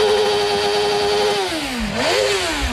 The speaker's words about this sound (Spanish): Vamos a portarnos bien, no quemamos rueda. Es una Harley, una Street Glide del 2024.